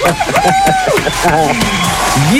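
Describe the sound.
A studio audience bursts into loud, steady applause and cheering for a contestant who has won 67,000 zloty in the second final of the day, with excited whoops and shouted voices rising above the dense clapping throughout.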